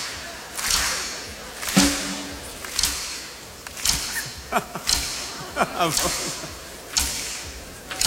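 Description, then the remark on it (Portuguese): Crisp finger snaps crack out in a loose, roughly steady rhythm, about one each second, some doubled, bright and sharp over a low background hum. “Não é palmas, é estalinhos, estalinhos.”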